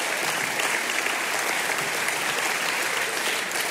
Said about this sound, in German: Sie können ruhig klatschen, wenn Sie möchten. Ich freue mich, wir freuen uns über das Geräusch.